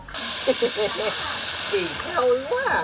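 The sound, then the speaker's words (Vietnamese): A steady, loud hiss of batter sizzling in a hot pan as cakes are poured over wood fires by a house porch, with voices talking faintly beneath the crackle. “Âm thanh ấy nghe thật vui tai, cộng thêm mùi hương của bột bánh bay thoang thoảng, làm chúng tôi nôn nao, thèm được thưởng thức món ngon quê nhà.”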